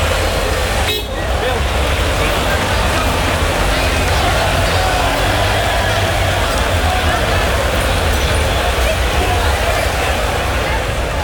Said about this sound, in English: The sound of Trafalgar Square last night as it was taken over by a sea of red and white.